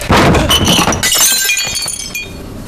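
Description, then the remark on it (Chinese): A household's good ceramic bowls are smashed during a search of a home, a loud crash with bright shards clattering and tinkling for a couple of seconds as the pieces scatter and settle. “哎呦，家里就这几个好碗了，还被你们打碎了。”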